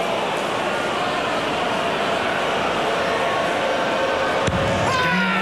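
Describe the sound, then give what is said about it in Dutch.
A loud, sustained roar of shouting fills the whole stretch, a darts player's celebratory yell after a 108 finish blending into a dense arena crowd din, with a sharp thud near the end. “En nu wel een brulletje.”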